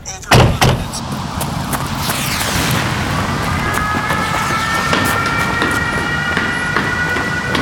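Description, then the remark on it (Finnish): A sharp thud opens a dense, echoing rumble of the busy Holosievska metro station platform, full of people, with crowd murmur, as an arriving train's steady roar and high brake whine build and hold. “Metroasema on täynnä ihmisiä.”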